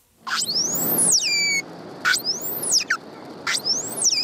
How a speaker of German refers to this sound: Mit ihren Rufen können Grindwale auch nach stundenlangen Tauchgängen ihre Gruppe wiederfinden. In der Straße von Gibraltar ist das aber nicht einfach.